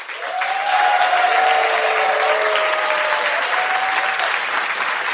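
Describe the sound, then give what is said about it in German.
A large audience applauds steadily for several seconds during a TV show, a dense, loud wash of clapping with a few faint cheers or whistles rising above it. “Dieser Applaus verspricht dir das.”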